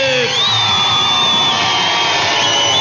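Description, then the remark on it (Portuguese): A crowd erupts in loud, sustained cheering and clapping, with whoops, shouts and a high whistle rising above the dense roar for the full few seconds. “Palmas pra mim, minha gente.”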